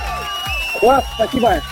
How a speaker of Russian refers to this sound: Ребят, ну я вас поздравляю. Шоперы отправляются к вам. Аплодисменты тоже для вас.